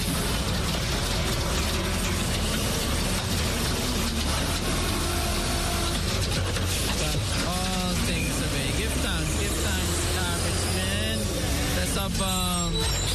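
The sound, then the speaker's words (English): A garbage truck works, its engine rumbling under steady mechanical grinding and ratcheting clanks, with rising whines from the hydraulics and voices faintly in the background. “You could dash it in this garbage truck.”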